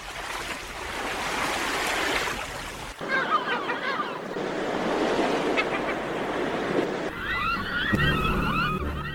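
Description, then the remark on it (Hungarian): Sea waves break against rocks in a continuous roar of surf, with brief cuts between stretches and birds chirping faintly above the wash in the later parts. “Hol kék a tenger, s sziklák tövében szirtihabok járják vidám táncukat.”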